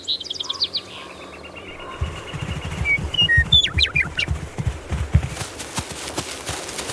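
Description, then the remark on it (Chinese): Birds chirp and sing in spring in Yellowstone National Park, in short bright phrases, clearest early on, over a steady low thudding of hoofbeats that starts partway through and continues to the end. “他们漫步在黄石国家公园里，这里已经有了春天的气息，草地上开出一丛丛花，鸟儿开始鸣唱。”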